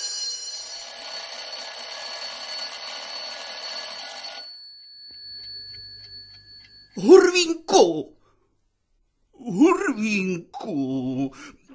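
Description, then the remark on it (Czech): A bell rings loudly and continuously for about four seconds with a harsh metallic clatter, then stops, and after a short pause voices begin talking. “Přišel si pozdě, už zvoní! Zvoní, Hurvínku!”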